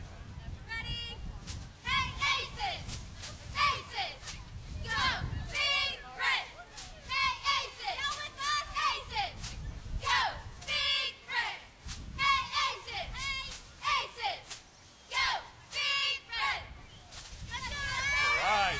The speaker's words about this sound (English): For those of you who didn't hear, Buckland, Kansas, state champions. Give it up for them. You got a cheer for us? Yes.